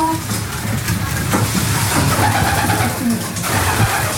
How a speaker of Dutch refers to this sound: En de duiven die nu stug blijven zitten, zijn die echt aan het broeden, denk je? Die wel zo te zien, hè? En hier achter jou. Ja. Er zijn er een stuk of vier die op het terracotta schaaltje zijn blijven zitten.